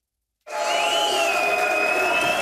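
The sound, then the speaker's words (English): After a moment of silence, a crowd of Alternative for Germany party officials and supporters erupts into loud, sustained cheering, celebrating the party's regional election victory in Saxony-Anhalt, Germany. A steady roar of many voices with high whistle-like tones running through it. “The joy, the confidence, and the warnings came pouring out of Alternative for Germany officials as they celebrated their unprecedented victory.”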